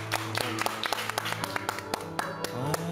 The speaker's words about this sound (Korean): 근데 큰 박수 한번 우리.